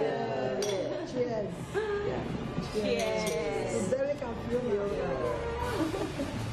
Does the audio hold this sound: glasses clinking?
yes